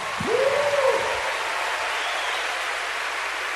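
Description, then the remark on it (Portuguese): An audience applauds in a steady, dense wash of clapping that holds evenly for several seconds, with a brief rising vocal cheer near the start. “Aplaude ele aí, meu irmão.”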